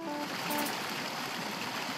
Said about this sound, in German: ich höre das Wasser schon rauschen und es hat da ein tolles Geräusch. Also beim letzten Mal hat es viel mehr Wasser gegeben.